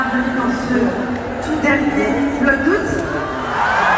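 arena crowd cheering wildly

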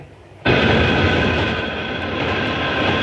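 metro train running

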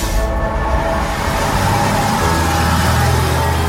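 city bus driving

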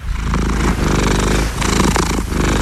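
kitten purring

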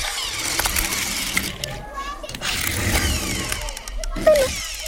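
toy car engine revving

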